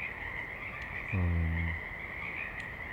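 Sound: frogs croaking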